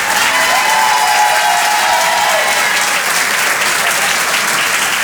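An audience applauds steadily, a dense, even wash of clapping that holds at a loud level for several seconds, with a faint whoop or cheer rising briefly near the start.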